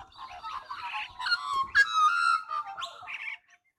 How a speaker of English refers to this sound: We're really starting to get a chorus now of the Australian magpies. Let's just stop and hear a bit of this natural concert.